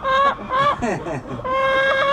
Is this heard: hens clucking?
yes